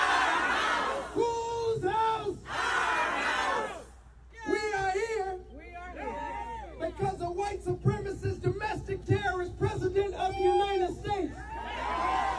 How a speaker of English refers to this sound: None of this like standing around and milling about outside the state. These guys are yelling and screaming and stomping and running into buildings and doing this. Who's house?